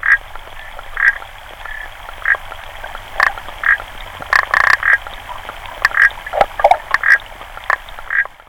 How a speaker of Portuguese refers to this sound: Esta rã era usada como teste de gravidez. É verdade, um uso muito, muito caricato, uma forma muito, muito excêntrica de pensar num animal. Mas a verdade é que esta rã respondia à urina de mulheres grávidas.